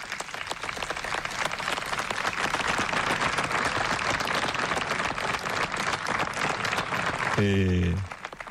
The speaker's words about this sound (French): Devant les applaudissements du personnel.